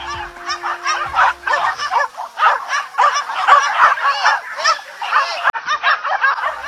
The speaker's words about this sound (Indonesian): Puluhan anjing pemburu pun terlihat mulai tidak sabar dan terus menggonggong tiada henti.